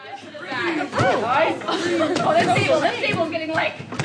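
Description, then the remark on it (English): A lively crowd of about 60 summer camp counselors in training in Missoula, Montana, chatters and calls out over one another as they work together to keep a dozen balloons bouncing through the air while seated. Overlapping voices rise and fall in a steady, busy babble with occasional sharper shouts and laughter. “Like a public library pool party, a crowd of about 60 summer camp counselors in training work together to keep a dozen balloons bouncing through the air.”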